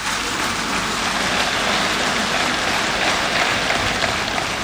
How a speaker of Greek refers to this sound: κανένα οπλικό σύστημα, όσο σύγχρονο και αν είναι, μεγάλο ή μικρό, δεν έχει αξία χωρίς τις γυναίκες και τους άντρες των ενόπλων δυνάμεων, τους ενστόλους μας, για τους οποίους παρακαλώ να επιφυλάξετε το πιο θερμό σας χειροκρότημα.